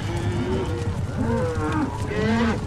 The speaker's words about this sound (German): Und eine ganze Herde Longhorns.